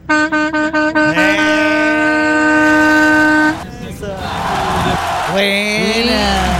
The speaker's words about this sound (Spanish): Buena. Esa bocina buena de camión bueno.